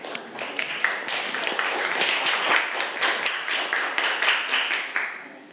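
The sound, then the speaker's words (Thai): A group of students in a class claps together for group 5's good work, a steady burst of dense, overlapping hand claps lasting several seconds, with rapid sharp slaps throughout and no talking over it. “เก่งมากปรบมือกลุ่ม5ค่ะ”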